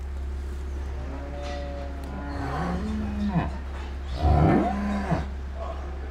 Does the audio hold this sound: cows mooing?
yes